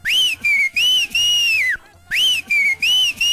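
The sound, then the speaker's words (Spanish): Two loud human whistles, each a bright, shrill phrase of several quick chirps with a longer swooping note. They are separated by a short pause, with no talking. “Y aprovechando la vuelta, dos chiflidillos para el sentido, mi chula.”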